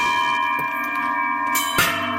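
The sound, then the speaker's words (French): Handmade bells ring together in a rich, sustained wash of overlapping tones, with a few fresh strikes sounding over the lingering resonance. Loud, with no voices. “Je voudrais entendre ces cloches une deuxième fois avant que vous partiez, parce que ça sonnait magnifiquement bien.”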